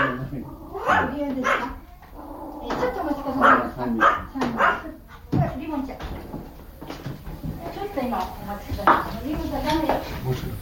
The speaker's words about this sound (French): Nous entrons donc dans ce petit ryokan. Accueilli par les aboiements d'un chien.